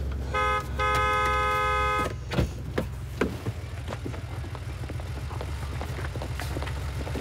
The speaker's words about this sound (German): Sie fahren meinen Wagen aus der Parklücke und ich drücke so lange auf Ihre Hupe.